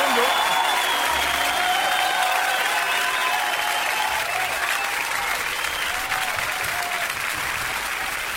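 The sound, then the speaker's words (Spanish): Sustained audience applause fills the whole stretch, a dense, steady clatter of many hands clapping at an even loudness, with faint crowd noise mixed in. “Un aplauso. Un aplauso.”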